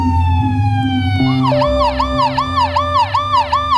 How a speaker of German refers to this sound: Schon nach kurzer Zeit hört man die Sirenen der Polizei.